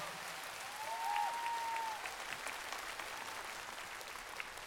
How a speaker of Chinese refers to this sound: 来，掌声谢谢艾略特，谢谢我们非常帅气的吉他老师，还有我们优秀的拉丁舞者蒋浩月。